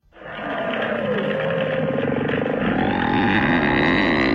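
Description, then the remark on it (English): A whale call: drawn-out, creaky moans that bend and slide in pitch like stretched rubber, running continuously over a loud, steady rumbling wash for about four seconds, with no voices. “Can you play the whale sound again?”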